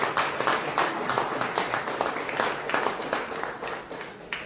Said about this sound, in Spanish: fuerte aplauso por todos nosotros.